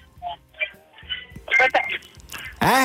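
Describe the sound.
A mobile phone rings with a short electronic ringtone, a run of bright melodic beeps that grows louder and ends in a loud, swooping tone, with faint voices underneath.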